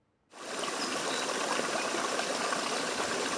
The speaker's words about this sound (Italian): L'acqua del torrente che scorre tra le rocce, le rupi, gli aioni, le pareti a strapiombo, sulle quali gli alpinisti hanno aperto più di 100 vie.